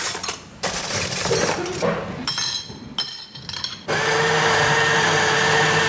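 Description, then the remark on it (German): A coffee machine grinds and whirs with a few glassy clinks, then settles into a loud, steady hiss of steaming milk for a cappuccino, with no talking. “das ist ja die leiseste Kaffeemaschine, die ich je gehört habe.”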